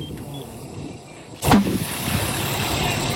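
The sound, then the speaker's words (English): A tire on a burning 2014 Chevrolet Impala explodes in one sudden, loud bang that cuts through a steady rushing roar of fire; the roar continues, a bit louder, after the blast. “Here is audio of a burning tire exploding.”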